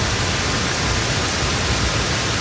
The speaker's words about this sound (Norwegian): Jeg får ikke sove, ja, hvis ikke jeg hører på regnlyder, for da får jeg en sånn deilig comfy følelse som jeg føler meg så trygg når det regner ut av en eller annen grunn. Så jeg hører på det her, ja.